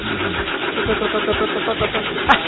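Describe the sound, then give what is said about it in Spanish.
The engine of an old 1973 car cranks over and over with a rough, uneven rhythm, struggling to catch. It is loud, with a brief sharper click near the end. “Arranca. Ahí está. Le cuesta, pero arranca.”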